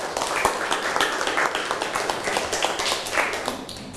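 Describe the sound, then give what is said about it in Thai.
A group of people claps steadily for several seconds for a classmate who has just presented and sits down, a dense patter of many hands at moderate loudness with no voices over it. “นั่งลงครับปรบมือนะครับ”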